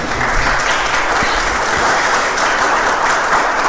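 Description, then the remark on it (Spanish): A church audience bursts into loud, sustained applause for the Lord, a dense wash of many hands clapping steadily for several seconds with no one speaking over it. “Le damos un aplauso fuerte al Señor, por favor.”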